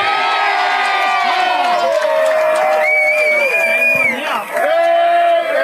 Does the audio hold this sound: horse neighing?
no